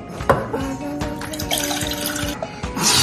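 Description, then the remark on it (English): Water runs steadily into a pot for making caramel sauce, a continuous splashing stream with a few sharper clinks and knocks of the container over about three seconds. “You said the water?”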